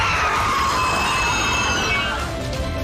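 A loud, piercing metallic squeal of train brakes grinds on for about three seconds over a low rumble, its shrill pitch wavering slightly as the train screeches to a stop.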